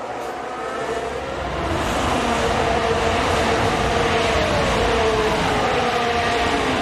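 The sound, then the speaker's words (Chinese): Loud, sustained roar of Formula One car engines, including a Mercedes power unit, with a high whining pitch that shifts and climbs, swelling after the first second and then holding steady, with no voices over it. “显然是梅奔的这个内燃机呢响应得更加灵敏。”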